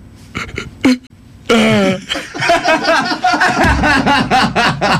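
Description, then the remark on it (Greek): A man's voice mimics a depressed donkey on the Sfaira 102.2 morning radio show: a sluggish, droopy bray with strained, wheezy honks, followed by a run of rhythmic huffing pulses that could be laughter, fairly loud. “Γάιδαρο σε κατάθλιψη.”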